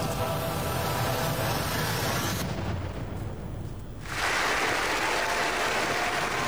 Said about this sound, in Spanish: Hace años que no me aplaudían así.